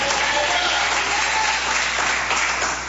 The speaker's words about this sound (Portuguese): Bate palmas, dá glória quem tem promessa de Deus.